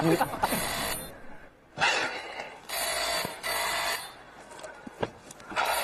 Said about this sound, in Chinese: 电话响了。 我听见了。